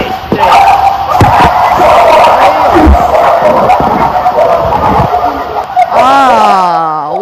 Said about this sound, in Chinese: 这个狗叫听起来真的不是一只两只啊，这是很多狗，而且不是小狗，是大狗在叫啊。